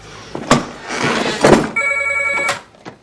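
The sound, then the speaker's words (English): A telephone rings at Vincent's home while he is asleep, a call from Maggie, in a single steady, bright electronic burst, surrounded by a few dull thumps and knocks, with no one speaking. “Vincent's asleep at home when Maggie rings.”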